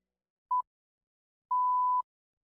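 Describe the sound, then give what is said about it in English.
A radio time signal marking 20:00 (8 pm): one short, clear electronic pip followed a second later by a longer, steady tone, both crisp and moderately loud against silence, with no talking. “Ob znaku bo ura 20.”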